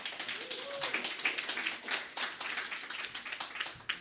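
A crowd applauds steadily, many hands clapping in a dense, bright patter that stays fairly even in loudness for several seconds with no talking over it.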